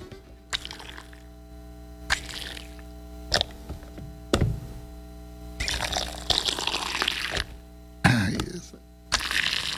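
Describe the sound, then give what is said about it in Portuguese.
Hot water poured into a mate gourd in several short splashy bursts, then a longer gurgling pour, with a steady low electrical hum underneath and no talking. “Roncou meu mate, vamos cevar mais um mate para nós e para os nossos ouvintes”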